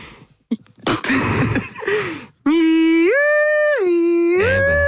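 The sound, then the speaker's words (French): On the RFM radio morning show, after a few breathy, sputtering noises, a woman's voice launches into a loud, sustained wail that switches back and forth between a low and a high pitch, imitating a two-tone siren. “Il faut que je mentalise la sirène.”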